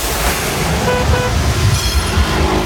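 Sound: car horns honking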